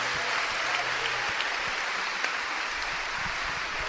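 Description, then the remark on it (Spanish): A crowd at a religious prayer service claps loudly and steadily for the Lord, a dense, continuous wash of applause with no pauses, filling the whole clip with crackling hand claps. “Dale un aplauso al Señor bien fuerte.”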